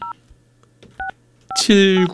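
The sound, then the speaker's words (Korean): Several short two-tone telephone keypad beeps sound in an irregular sequence, clear, as a phone call is placed to caller number 7956, followed by a person starting to talk at the end. “7956번 님 전화 받아 주세요.”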